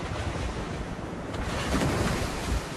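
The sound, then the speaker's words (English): Heavy ocean surf roars continuously as giant waves crash against sheer cliffs, a dense wash of crashing water with wind noise, swelling louder toward the end. No voices, just the steady rumble of big waves. “They heard a tremendous roar as giant waves crashed against sheer cliffs.”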